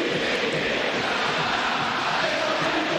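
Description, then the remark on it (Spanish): A dense, steady roar from a huge crowd of fans at the Monumental stadium, chanting for Vélez, the team of the Barros Echeloto, as the players spread out onto the pitch; many voices shout together at a constant loud level for the whole stretch, with no single voice standing out. “El grito para los Barros Echeloto.”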